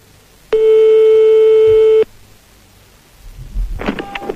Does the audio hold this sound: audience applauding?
no